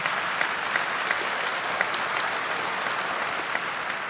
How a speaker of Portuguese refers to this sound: Vamos dar uma salva de palmas a nosso Senhor bem forte.